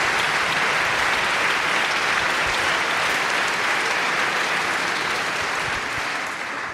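An audience at a philharmonic orchestra event claps steadily and loudly for the orchestra manager for several seconds, a dense wash of many hands that fades slightly at the end, with no voices over it.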